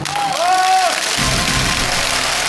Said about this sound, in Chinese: 同意的请鼓掌。